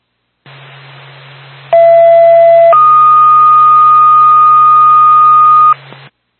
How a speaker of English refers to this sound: Twin State to Lisbon Fire Department. Stand by for tone.